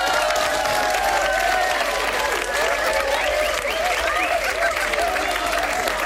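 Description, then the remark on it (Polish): Steady, dense applause from an audience fills the whole stretch, a continuous loud patter of many hands with a few faint voices and tones woven underneath. “Tak, brawa, brawa się należą.”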